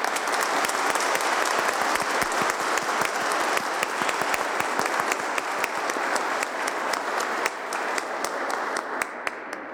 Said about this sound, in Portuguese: Acolhemos então a estes que hoje serão batizados com uma salva de palmas.